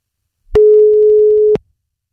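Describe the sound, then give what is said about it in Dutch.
A single steady telephone ringback tone, heard while placing a call to check that the phone works: one clear mid-pitched beep lasting about a second with clicks at the start and end, heard alone with no talking. “Maar misschien even om te checken of de telefoon zeker werkt, dat ik zelf eens even van deze kant bel. Even kijken of er wordt opgenomen.”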